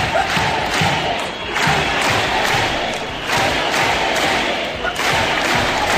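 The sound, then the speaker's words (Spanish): A protest crowd of around 10,000 people in the streets and squares chants "Ceuta no se vende, Ceuta se defiende" in unison in support of Ceuta, voices rising in loud, rhythmic bursts about every second and a half, with a dense wash of shouting filling the gaps between phrases. “Ceuta no se vende, Ceuta se defiende, es el grito unánime en las plazas, en las calles, aquí en las islas, alrededor de 10.000 personas que secundaban la convocatoria de la Federación de Municipios para mostrar su apoyo a la ciudad autónoma.”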